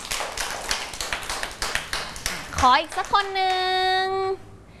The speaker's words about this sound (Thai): เก่งมากเลยปรบมือให้กับเพื่อนหน่อยค่ะ